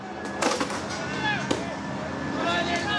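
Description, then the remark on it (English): Chaotic outdoor crowd noise of a street riot in Northern Ireland, with young men in balaclavas and black hoodies throwing rocks at police who respond with water cannon. Sharp bangs and impacts, including a loud crack near the start and another mid-clip, over a constant roar of shouting voices. “Young men in balaclavas and black hoodies lobbing rocks at police are met with water cannon.”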